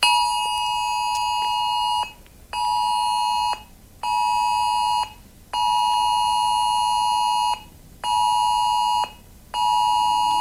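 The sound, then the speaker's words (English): A loud, piercing phone emergency alert tone from a nationwide test of Australia's new emergency warning system sounds in repeated long blasts with brief gaps between them, steady and harsh with a buzzing, multi-toned quality and no voices. “The Australian government will conduct a nationwide test of the new emergency warning system with compatible phones, smartwatches and tablets sounding a loud alert, even if they are on silent and do not disturb.”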